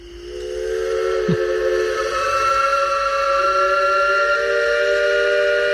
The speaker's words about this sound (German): Kann man nicht überhören. Ja, und dieses Pfeifen von einem Elbe-Schaufelraddampfer, das kennt man. Das kennt man auch nicht nur in Dresden oder in Pirna, Rathen, Bad Schandau. Das ist weit über Sachsens Grenzen hinaus bekannt